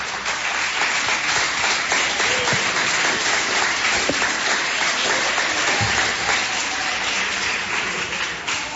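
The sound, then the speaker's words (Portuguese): A church audience claps their hands to glorify God as they sit down, in a sustained, dense wash of applause that holds steady and loud for several seconds, with no voices standing out. “Podeis assentar, assentando palmas que glorifica a Deus.”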